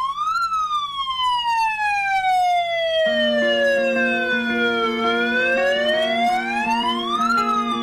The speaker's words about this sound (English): Welcome to Megaphone Monday. I'm glad my siren still works.